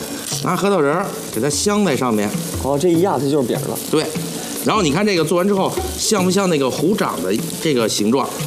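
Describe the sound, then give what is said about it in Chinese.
A steady, crackling sizzle of shrimp balls being put into the pan one by one and pan-frying in hot oil runs beneath continuous talking, the hiss staying fairly constant throughout. “嗯，哎，一个一个虾丸下锅。”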